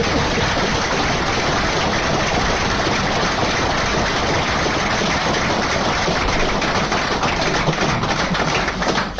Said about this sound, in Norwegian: Dette skal jeg jobbe på Sogn for å bruke, så en stor applaus på det, for det er kjempevist.